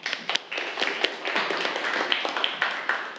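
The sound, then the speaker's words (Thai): A group of students clapping together for a classmate in class, a dense, steady patter of many overlapping claps with a few sharper slaps standing out, lasting a few seconds without any talking. “ครับปรบมือให้กับเพื่อนเลยครับนักเรียน”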